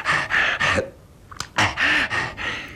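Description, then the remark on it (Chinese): Heavy, rapid panting breaths, each a loud, rough huff, come in a quick rhythmic run, pause briefly, then resume. A voice performs them as an imitation of the story character Tie Guanyin gasping for breath, drenched in sweat, trembling and exhausted. “这铁观音站好了，大口大口的喘气。”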